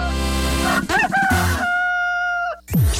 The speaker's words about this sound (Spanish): Avícola Caspar, más gallos que cualquiera.